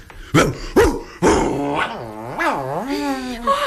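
A dog gives three sharp barks, then slides into a long, wavering growl-like vocalization that rises and falls in pitch, loud, with no other sounds.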